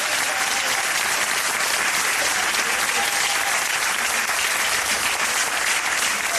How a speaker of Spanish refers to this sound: Dar un aplauso fuerte a Cristo.